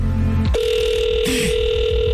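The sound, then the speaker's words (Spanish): A telephone rings with a steady electronic tone as a call is placed to a town councilwoman, one sustained mid-pitched note that holds loudly for about two seconds after a brief low hum, with a short flutter partway through and no talking. “Ya me dio miedo nomás con el timbre.”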